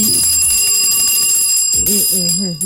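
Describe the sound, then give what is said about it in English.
A bell is rung as a "bell of blessing" on a Nigerian radio morning show, its bright sustained metallic tone ringing steadily, loud and unbroken, while voices talk and call out underneath it. “Give him a bell of blessing.”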